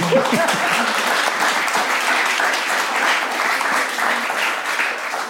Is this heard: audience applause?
yes